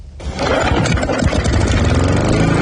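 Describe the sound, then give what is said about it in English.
A small petrol engine, like a lawn mower, kicks in after a brief pause and runs steadily, a loud continuous rumbling drone with a rough, sputtering texture. “It's getting to that time of year where you have to start mowing the lawns once a week.”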